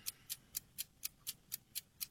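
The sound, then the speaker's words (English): A game timer clock ticks steadily during a trivia quiz, about four crisp, bright ticks per second in an even rhythm, heard alone and fairly quiet with no voices. “Start the clock.”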